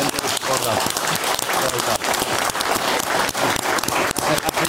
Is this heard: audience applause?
yes